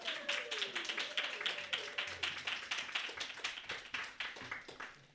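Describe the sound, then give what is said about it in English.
An audience claps steadily for about five seconds, a dense, even patter of many hands at moderate loudness, with a faint tonal voice or whoop trailing underneath early on. “Please clap and embarrass him.”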